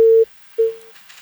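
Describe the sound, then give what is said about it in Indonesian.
A telephone busy tone after a caller's line to a radio call-in show is cut off: two steady, loud single-pitch beeps separated by a short silence, the second fading away, with faint background hiss and no voices. “Terputus ya sahabat Braya.”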